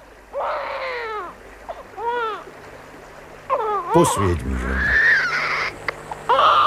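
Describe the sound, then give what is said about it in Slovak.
An infant in a cradle, found by a river, wails in several short, rising-and-falling bursts, fairly loud, and a man speaks briefly near the end amid some splashing and rustling. “Bože môj. Dieťa. Aj s kolískou.”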